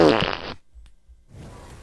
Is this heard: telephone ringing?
no